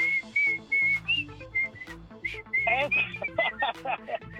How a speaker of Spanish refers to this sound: la del chiflidito? ¿La del chiflidito? ¿Esa la oye, sí, bien seguido?